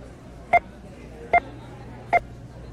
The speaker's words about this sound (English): In this episode, we're doing a little experiment. We're representing American consumption as beeps.